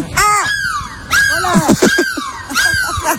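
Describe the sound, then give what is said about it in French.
People on a bus in Lille imitate seagull cries to say goodbye: three loud bursts of high, wavering squawks that rise and fall in pitch, with overlapping shrieky voices and no clear speech. “Tu le quittes, j'ai envie qu'on se quitte, on se dit au revoir, on crie de la mouette.”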